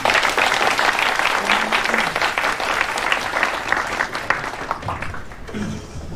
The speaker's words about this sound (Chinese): 那好，让我们再以热烈的掌声欢迎他们。